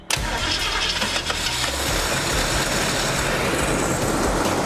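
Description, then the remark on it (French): A car engine cranks and catches at once, then settles into a steady, loud, even idle with a deep low rumble and a broad mechanical hiss throughout. The car stays on choke because its electric choke is not powered. No one speaks. “Je démarre le moteur et là ça tourne comme une horloge, je suis assez content.”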